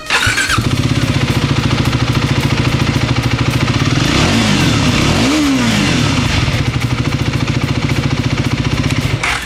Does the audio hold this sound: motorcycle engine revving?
yes